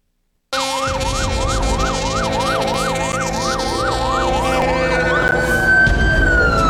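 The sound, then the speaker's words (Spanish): Sirens of fire department units arriving at the Pemex fuel storage and dispatch terminal in Mérida at 10:20 in the morning, during a fire drill after the fire alarm went off, wail loudly and steadily in a rapid up-and-down cycle, shifting to a long rising tone near the end, over a deep rumbling engine with no voices. “Las sirenas de las unidades de bomberos se escucharon llegar a las 10:20 de la mañana en la terminal de almacenamiento y despacho de Petróleos Mexicanos de Mérida, al activarse la alarma de incendio.”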